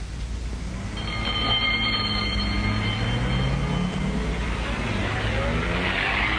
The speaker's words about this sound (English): The ambulance drove off to the local hospital.